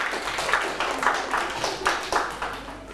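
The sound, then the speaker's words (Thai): A group of students in a classroom clap together for a classmate in a steady rhythm, with roughly a half-second between claps. The sharp, bright claps are moderately loud and fill the classroom, with no one talking. “โอเคปรบมือให้เพื่อนด้วยครับ”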